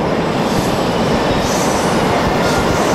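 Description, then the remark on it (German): A train rumbles steadily and loudly along the rails, with a dense continuous roar of wheels and carriage noise and faint high squeals rising and fading over the three seconds. “diese Woche da nehmen wir den Zug bei Neo 1”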